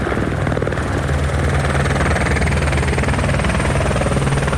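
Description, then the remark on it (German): A firefighting helicopter roars as it flies in to drop water on a fire, its rotor producing a steady, rapid thumping over a loud, constant engine drone that fills the whole clip without any talking. “Der Heli fliegt an und wirft gezielt das Wasser ab.”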